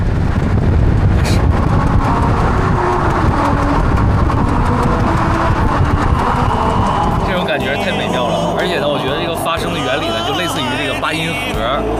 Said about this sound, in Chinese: 轮胎行驶在公路上，然后呢就会出现这样一个美妙的歌曲，但一定要注意啊，是45公里这样一个时速就好了。